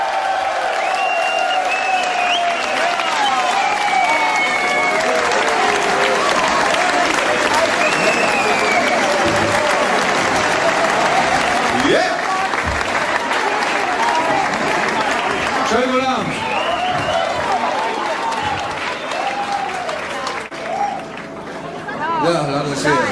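Loud, sustained audience applause with dense clapping, mixed with crowd cheering and whistles, continuing steadily before tapering slightly at the end.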